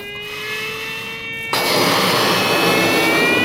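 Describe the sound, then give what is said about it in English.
A balloon being blown up by a person with eyes closed: a steady breathy rush with thin whistling tones that slowly climb in pitch, then a sudden jump to louder, fuller airy noise that keeps going. “With my eyes closed, I begin to blow into a balloon.”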